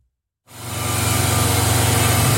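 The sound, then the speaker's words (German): After a brief silence, a steady motorized rumble of construction machinery starts up and holds at the building site of the Schwarzer Bär house on the Rheingasse, loud with a low droning hum and broad noisy wash. “Aus dem Schwarzen Bären an der Rheingasse tönt immer noch Baulärm.”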